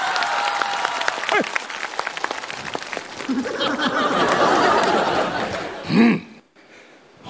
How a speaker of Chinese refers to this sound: 来了，来，掌声